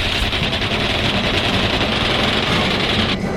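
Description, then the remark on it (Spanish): A helicopter carrying criminals comes back to attack people descending among rocks. Its loud, steady engine roar has a rapid, rhythmic chopping pulse from the rotor blades running throughout, with no voices. “¡Ahí viene de nuevo el helicóptero!”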